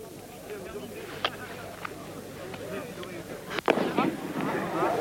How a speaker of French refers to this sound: H-1, la dernière fusée vient de partir, une fusée rouge.